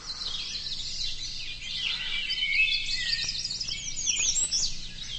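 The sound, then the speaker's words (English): A dense chorus of birds sings steadily in a long row of overhanging trees along a lake shore in Algonquin Park on a sunny morning, high chirps and trills overlapping without pause, with a faint low background rumble and no voices. “See if we can tape record and photograph some of the birds that live there.”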